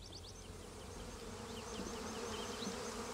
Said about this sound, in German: muss jetzt jedes seiner gut 200 Bienenvölker auf den sogenannten Schwarmtrieb kontrollieren. Ja, es ist jetzt Schwarmzeit und ich muss schauen, inwieweit die Völker